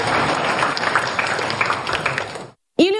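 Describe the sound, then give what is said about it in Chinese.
An audience applauds to welcome a speaker to the stage, a dense, steady wash of clapping for about two and a half seconds, then it cuts off into silence before a voice begins to speak. “大家掌声欢迎。”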